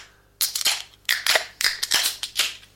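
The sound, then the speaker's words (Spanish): A beer being opened, heard as a run of about six loud, sharp hissing and crackling bursts in quick, uneven succession, with no one talking. “Y vamos a abrir la cerveza.”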